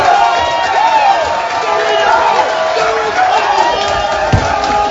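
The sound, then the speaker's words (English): A packed bar crowd at Winston's roars and cheers loudly and continuously at Eustachio's goal in the 91st or 92nd minute, with overlapping shouts and high whoops rising above the din, plus a sharp thump near the end. “This is what it sounded like at Winston's, and the video's up on our social channels.”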